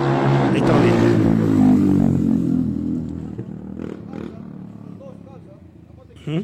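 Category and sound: vehicle, motorcycles revving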